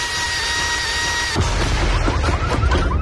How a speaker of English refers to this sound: Hey, neighbor, what you working on over there? I'm just adding some power to the old leaf blower. Is that a turbo?